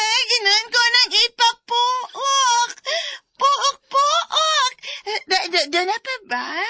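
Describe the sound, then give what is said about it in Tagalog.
A person imitates a turkey gobbling, producing rapid bursts of warbling, nasal calls. The voice is fairly loud, with brief pauses between the bursts. “Tingog pabo!”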